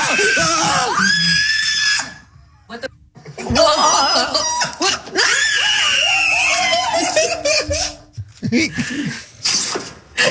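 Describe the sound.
A person screams in fright, loud, in several shrill, wavering bursts broken by brief pauses, with other voices talking and laughing nervously around the screams.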